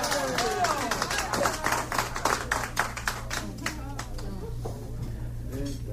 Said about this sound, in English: Oh, thank you. You don't know what that applause is doing for me. You don't know. I can't express in words. Thank you.